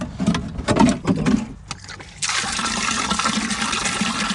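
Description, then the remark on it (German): Water splashes and sloshes in a few uneven bursts, then settles into a steady, broad rush as a watering can is filled with rainwater from a barrel in a garden, with no talking. “Und dann bringen wir das in den Garten hier in ein Fass und dann nehmen wir es raus noch.”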